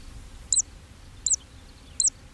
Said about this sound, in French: Alors, dans les clairières, évidemment, on a entendu, au moins et très nettement, la cisticole des joncs, ce petit oiseau qui vole en chantant et qui pousse un petit cri à chaque vague de son vol.